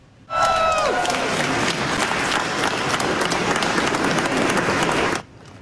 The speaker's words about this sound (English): If you clap a little bit more, I may share this prize with Trump.